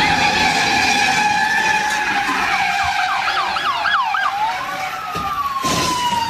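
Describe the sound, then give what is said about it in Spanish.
A loud police car siren wails steadily, then switches to a rapid yelping pattern for a couple of seconds before sliding into a long falling tone, over a constant rumble of traffic, during an intense police chase in North Hollywood after a stolen luxury car. “Genio, en North Hollywood se llevó a cabo una persecución policial intensa, ya que un vato se robó un carro de lujo amarrado a su camioneta.”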